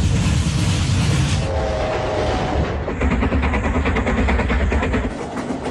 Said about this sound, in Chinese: 1958年9月8日，万白武夫妇带着两个孩子坐上了开往西安的火车，这也是交通大学大规模西迁的最后一趟专列。